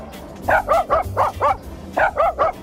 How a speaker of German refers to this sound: Ja, jetzt schnappen wir uns mal Waldis Bellen und zaubern daraus einen HR4-Hit. Und das klingt dann so.